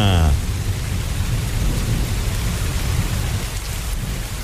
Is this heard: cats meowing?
no